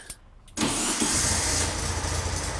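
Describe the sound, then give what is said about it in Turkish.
After the low-pressure distributor lead is reconnected, a car engine cranks briefly and catches around half a second in, then settles into a steady, loud idle with a low rumbling hum and no voices. “Ve o olmayınca ateşleme de gerçekleşmiyor tabii”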